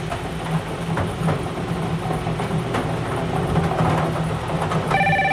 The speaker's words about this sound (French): Et le téléphone annonce un bingo.